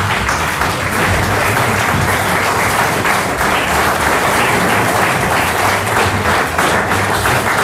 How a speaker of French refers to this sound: Place donc aux cinq jeunes et talentueux musiciens du …. Voici, priorité aux dames, à la basse, et on l'applaudit,